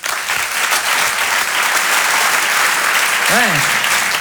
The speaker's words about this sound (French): Je vous demande de l'applaudir très chaleureusement lui aussi.